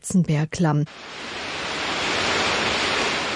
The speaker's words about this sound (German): Das unheimliche Rauschen des wilden Bergwassers, der spärlich von oben eindringende Lichtschimmer, alles vereinte sich, die Sinne zu betäuben.